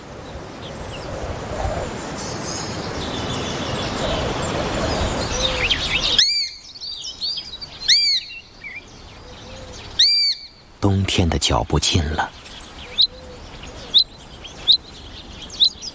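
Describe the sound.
A young sparrowhawk gives a string of shrill, arching cries, repeated every second or so and then in short sharp bursts, following a stretch of rushing, windy noise with a voice speaking.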